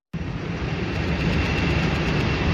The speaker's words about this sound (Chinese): 上午，随着引擎轰鸣，圆通航空嘉兴号货机缓缓升空，飞往孟加拉国达卡机场，标志着嘉兴南湖机场首条国际货运航线正式开通。